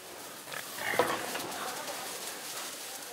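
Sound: pigs grunting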